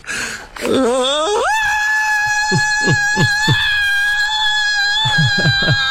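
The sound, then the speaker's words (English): A person recreates a famous scream from a movie: a loud, drawn-out scream that swoops upward and then holds a piercing high pitch for several seconds, wavering slightly with a few brief catches along the way. “Now, if I could do that scream.”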